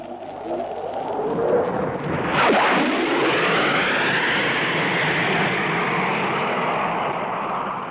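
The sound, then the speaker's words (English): A Hawker Hunter jet fighter flown by Neville Duke roars past, a loud rushing whine sweeping sharply downward in pitch as it passes, then a broad sustained rumble that lingers and slowly eases. “Here comes Devil Duke streaming in the Hawker Hunter.”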